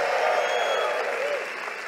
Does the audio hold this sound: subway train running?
no